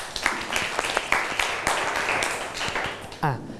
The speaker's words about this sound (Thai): โอเคปรบมือให้เพื่อนหน่อยนะครับ